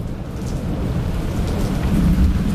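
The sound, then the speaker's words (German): Steady rain falls with a deep, rolling rumble of thunder building underneath, a continuous thunderstorm with no voices. “So auf einer Terrasse raushocken, schön am Schärmen und ein bisschen Gewitter zulassen.”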